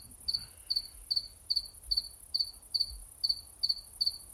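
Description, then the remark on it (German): At least three cicadas singing in a steady, evenly spaced series of about ten shrill buzzing pulses, moderately loud against a quiet, faintly rumbling background with no voices. “Du nennst den Gesang der Zikaden ein Gesäge?”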